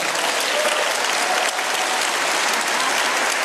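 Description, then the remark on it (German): Sustained applause in the European Parliament in Strasbourg as Ursula von der Leyen announces in her speech that Canada is to become the EU's first associated member; a dense, steady clatter of many hands clapping at once, loud and continuous throughout without any voices standing out. “Als Ursula von der Leyen verkündet, dass Kanada das erste assoziierte Mitglied der Europäischen Union werden soll, brandet Applaus auf im EU-Parlament.”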